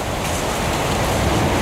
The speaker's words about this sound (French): le torrent s'écoule.